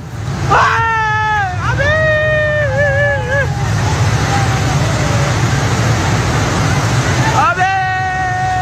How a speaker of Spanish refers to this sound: Cientos de toneladas de agua, barro y nieve han arrasado por completo decenas de puentes, edificios y pueblos enteros, dejando imágenes desgarradoras.